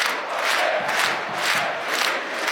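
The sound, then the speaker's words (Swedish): A dense roar of the football crowd at Studentens stadium during a Sirius match, steady and loud throughout, with surging waves of chanting and shouting swelling every half second or so. “Så här låter det på Studentens.”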